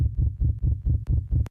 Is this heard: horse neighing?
no